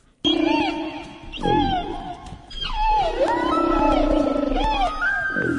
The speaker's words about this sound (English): Oh, yeah, I think it's a whale, and I think it's a humpback whale.